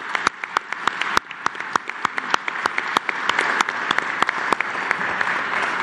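An audience applauds steadily for several seconds at an event, applauding a coordinator who helped reach agreements, a dense wash of clapping with sharp individual claps popping out irregularly on top. No voices are heard over it.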